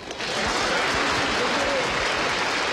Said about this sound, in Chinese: 接下来在我演唱之前，各位朋友能不能给我一点热烈的掌声好吗？